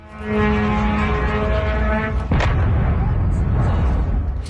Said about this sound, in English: An Iranian Shahed drone explodes after hitting a warehouse in the port town of Al-Shuaiba in Kuwait.